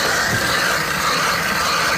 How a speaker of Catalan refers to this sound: La barrina que esteu sentint està foradant la capa de gel que cobreix el llac, un gruix d'entre 2 i 3 metres. Ja tenen el forat fet.